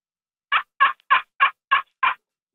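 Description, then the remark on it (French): Six short, raspy turkey yelps scratched out on a slate friction call, a small slate disc in a wooden resonance box about 7-8 cm in diameter played with a small stick, evenly spaced in a steady rhythm, fairly loud with no talking. “Pouvez-vous nous faire un bruit de dindon? Ouais, je peux faire un bruit de dindon, certainement.”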